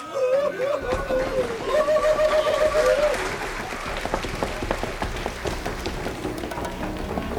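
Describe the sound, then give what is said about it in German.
An audience claps steadily and loudly for several seconds for a candidate, the Fire Dragon, at a dragon contest on a stage, a dense wash of hand claps with a voice briefly audible over it near the start. “Applaus.”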